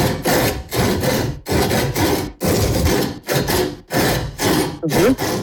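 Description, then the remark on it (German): Rhythmic saw strokes rasp back and forth in a steady beat, about eight loud, close-up pulls and pushes arranged like a tune, with no voices. “Sägespäne und Zähne ausgebissen beim unserem Sägesong.”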